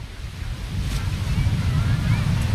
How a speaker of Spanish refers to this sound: Hombre, cerca del mar, bueno, como ya sabéis, podéis escuchar el mar, que ahí está ese mar. Ahí, a ver si escuchas un poquito. ¿Hoy se escucha o no?